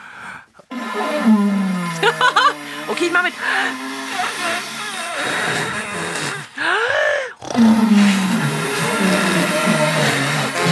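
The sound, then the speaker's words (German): Dinosaur snoring imitated through a watering can: loud, hollow, rumbling groans with a wavering pitch that rise and fall in long drawn-out bursts, after a brief spoken remark at the start. “Das ist das fabelhafte Dino-Schnarchkonzert.”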